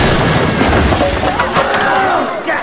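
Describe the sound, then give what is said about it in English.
In a scene from the film Jumanji, a fridge smashes down through a flimsy roof in a loud, sustained clatter of crashing debris, with shouting voices mixed into the chaotic noise. “Fridge crashes through a flimsy roof.”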